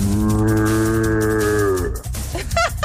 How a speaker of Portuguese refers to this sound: Esse berrante eu também sei tocar. Aí eu começo a rir, não sai nada.